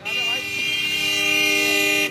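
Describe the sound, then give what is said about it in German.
Loud vehicle horns blare continuously in busy traffic in India, several overlapping honks held for a couple of seconds, insistent, with a faint voice underneath. “Und was hilft dann? Genau, lauteres Hupen.”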